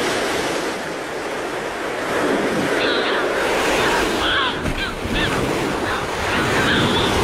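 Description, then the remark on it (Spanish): Harsh, nasal Audouin's gull calls ring out in several short bursts above a continuous wash of breaking waves, while the surf roars steadily underneath. “Estas son las dos especies que oiremos sobre las olas. La gaviota de Odowin.”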